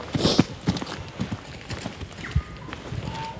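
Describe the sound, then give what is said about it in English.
Footsteps of hunters walking quietly through the bush crunch in a steady series of soft thuds and rustles roughly every half second, with a faint bird chirp late on and no voices. “In the bush, it's quiet now, except for the birdsong and sounds of us walking.”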